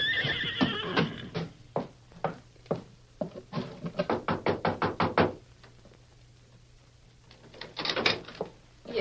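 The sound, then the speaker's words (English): A horse gives a high whinny, then hooves clop in a steady rhythm that quickens into a brisk trot before fading as its rider urges it on and rides ahead. After a pause, a short flurry of sound rises near the end. “Now, you ride ahead and ask if we can water our horses.”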